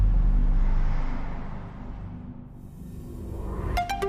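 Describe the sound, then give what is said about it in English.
A combustion car engine roars with a deep, throaty rumble, loudest at first and then easing slightly as it pulls away. A few short electronic beeps sound right at the end. “There are, of course, electric cars that do that in the same time or even less, but they do not sound like this.”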